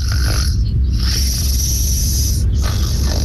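A man snoring close up, one long rasping, breathy snore that rumbles low and hisses steadily for a few seconds with no talking.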